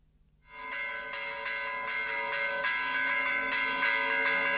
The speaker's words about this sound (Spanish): Este es el del Santísimo Cristo de la Laguna, que no tiene unas grandes campanas, pero son como mucho más finitas.